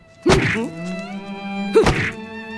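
Two hard punches land on a man, struck by his wife, sharp thwacks about a second and a half apart, over a steady sustained tonal hum with no talking.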